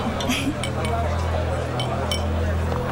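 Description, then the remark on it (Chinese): Several light, bright clinks of glasses ring out at scattered moments over murmuring voices of a gathering and a steady low hum, as if people are toasting. “干杯， 干杯。”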